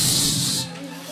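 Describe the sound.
A burst of dense applause from a crowd at a worship service, loud and continuous for a moment before cutting off, with voices murmuring underneath as it fades.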